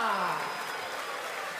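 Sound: applause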